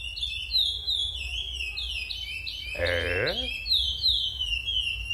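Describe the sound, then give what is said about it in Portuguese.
A lesser seed-finch (curió) sings a steady run of bright, whistled phrases, fairly loud, with a brief spoken syllable from a person cutting in near the middle. “Ó o curió sabiá.”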